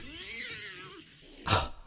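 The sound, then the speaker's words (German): A hungry tomcat lets out one long, drawn-out meow that rises and then sinks, followed after a short pause by a brief, sharp burst of noise. Nobody speaks. “So wie ich die alten Weiber kenne, schaut sie gerade noch durchs Schlüsselloch und lässt ihren armen Kater hungern.”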